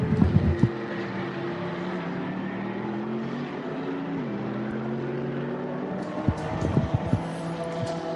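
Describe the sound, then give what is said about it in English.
The engine of a Viper Nissan Mercedes race car leaving the pit lane after a full service and driver change drones at a steady, low-revving pitch, dipping slightly midway, with short rattling bursts at the start and again near the end; no voices. “And that's exactly on cue that Viper Nissan Mercedes leaves the pit lane.”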